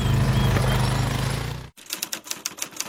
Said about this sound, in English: It's a typewriter. I saved it from landfill and now I'm using it to complete my WasteNet Community Waste Minimisation Fund application.